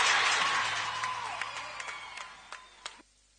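An audience applauds on a Buenos Aires radio broadcast, a dense wash of clapping that thins out into a few scattered, sharp claps before stopping after about three seconds.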